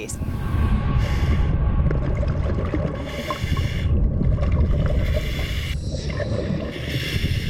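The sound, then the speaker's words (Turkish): A steady, muffled underwater rumble from a diver submerged in dangerous, murky water so cloudy one cannot see one's own hand, with bubbly bursts of hiss rising and fading every second or two, fairly loud throughout. “Suya dalıyorum.”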